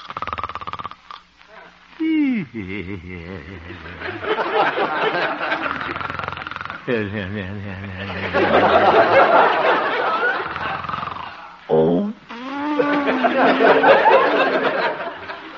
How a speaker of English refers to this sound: Looking into the little house on 8th Avenue, we find the town's most popular radio figure, Honest Harold the Homemaker, gently snoring and evidently having a very pleasant dream.